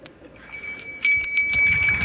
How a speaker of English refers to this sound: Can I get my bell? I got a bell. It's not as fancy as the Navy SEALs, but it's a bell.